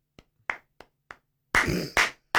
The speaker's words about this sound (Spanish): A ver, el aplauso fuerte ya ahí.